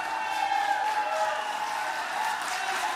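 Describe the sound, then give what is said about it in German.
A crowd cheers and applauds together in a courtroom, a dense, steady wash of clapping and raised voices that holds at an even level for the full three seconds, with no single speaker standing out, after O.J. Simpson is ordered to pay damages to the families of the dead. “Der Jubel im Gerichtssaal ist groß.”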